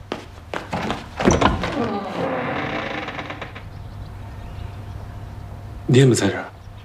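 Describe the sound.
A door is opened with a dull thunk and some rattling, followed by quieter room noise and a short burst of voice near the end.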